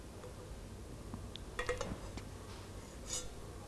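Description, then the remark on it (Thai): A few light, quiet clinks of a small toy pan and spatula as a child plays at pretend cooking, stir-frying food, clustered in a short burst midway and then one more tap near the end, against a soft background hush. “ก็จะนำกระทะกับตะหลิวนะคะมาทำเป็นอาหารนั่นเอง”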